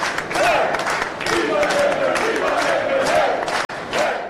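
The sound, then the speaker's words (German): A large crowd roars and cheers continuously at a vote counting centre in Malta as the first partial election results are announced, many voices shouting and chanting together in a dense, loud wall of sound, with Labour delegates chanting pro-Labour slogans and some clapping mixed in. “Jubel in Maltas Auszählungszentrum in Nashar, als die ersten Teilergebnisse bekannt gegeben werden.”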